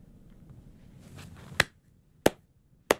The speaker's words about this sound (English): Sounds a bit pathetic, one man clapping.